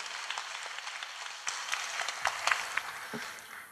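An audience applauds steadily for a few seconds to welcome a speaker at a Fo Guang Buddhist gathering, a dense patter of many hands, with a few sharper individual claps standing out near the end. No one speaks.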